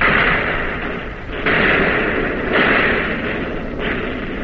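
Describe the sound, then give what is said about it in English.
Heavy naval gunfire from a warship in battle booms out in a dense, continuous roar, with fresh blasts hitting about once a second amid rumbling shell explosions as the ship takes hits. Loud, no voices. “You're on target again and firing, but not as fast, not as smoothly, and you're getting hit.”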